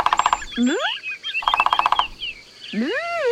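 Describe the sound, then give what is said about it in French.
A woodpecker calls in two quick, rattling bursts of rapid notes, alternating with loud upward-sweeping whistles; lively, fairly loud bird calls with no talking. “Qu'est-ce qu'il est bavard, ce pivert ?”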